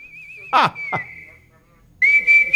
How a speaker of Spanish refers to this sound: Me estaban preguntando de la silbadita. Dice, ¿qué ha pasado? ¿Ya no silba? Me han dicho. Yo silbo.